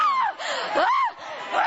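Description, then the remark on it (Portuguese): A church audience shouts and screams together to Jesus during prayers to expel evil, many loud overlapping voices rising and falling in a brief, intense burst of crowd noise that briefly dips before swelling again. “Grita para Jesus”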